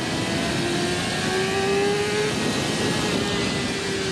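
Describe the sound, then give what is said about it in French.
The engine of a tall motorcycle, built high to absorb bumps, drones steadily while riding on a road, its tone slowly climbing under a constant wash of rushing wind and road noise. No one speaks. “Autre truc aussi, c'est que la moto elle est très haute.”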